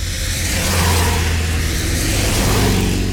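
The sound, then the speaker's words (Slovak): A car drives along a road, its engine a loud, steady low rumble with broad road noise that holds evenly throughout, no voices. “Veď tam, kde sú autá, tam budú aj ľudia.”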